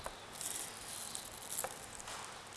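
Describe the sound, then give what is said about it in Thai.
A knife cutting steamed egg white into small pieces makes a few soft, quiet taps against a board, spread unevenly over a faint hissy background with no one speaking. The egg white was mixed with water and steamed on high heat. “ไข่ขาววิธีการเตรียมก็ง่ายๆนะคะเราก็ใช้ไข่ขาวเนี่ยผสมน้ำลงไปสัก2ช้อนนะตีให้เข้ากันแล้วก็นำไปนึ่งไฟแรงเพื่อให้ไข่มันสุกนะคะอันนี้ก็เป็นไข่ขาวที่เรานึ่งเรียบร้อยแล้วนะคะลักษณะแบบนี้เราก็จะหั่น”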